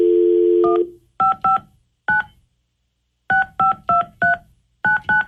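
A steady phone dial tone cuts off into a quick series of touch-tone beeps, about eleven short dual-tone presses in uneven bursts with a pause midway, clear with no voices, as a call is placed on the 102.5 KDON radio show.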